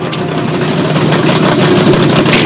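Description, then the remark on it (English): A hot rod's loud engine rumbles as the car peels off, a dense, steady throaty roar that holds for a couple of seconds without pausing, with no voices. “They peel off, leaving the other car foamy and flat-tired.”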